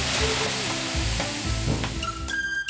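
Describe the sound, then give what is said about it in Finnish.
Water sizzles on hot sauna stones during a Midsummer morning sauna, in a loud, steady hiss lasting nearly three seconds, with low humming tones underneath and thin whistling pitches rising near the end. “Juhannusaattona aamujuontaja Matias kutsuu ystäviä aamulöylyihin.”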